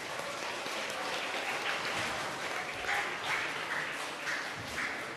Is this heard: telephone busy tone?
no